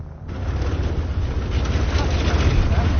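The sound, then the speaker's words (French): A small tow plane arriving to tow a glider: its propeller engine drones steadily, a low rumbling hum with a rough, wind-like hiss over it, growing slightly louder across the few seconds. “Voilà, le remorqueur est arrivé.”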